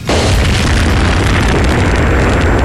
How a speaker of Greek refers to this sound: Από θαύμα, Ουκρανοί γλιτώνει από ρωσικό ντρόουν που πέφτει σε υπαίθριο πάρκινγκ στο Κίεβο.